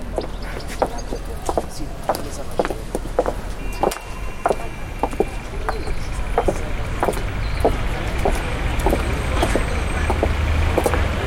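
A car, the new car Stefano bought, drives up with a steady low engine rumble that grows slightly louder toward the end, while sharp scattered clicks and crunches, like footsteps on gravel, sound throughout.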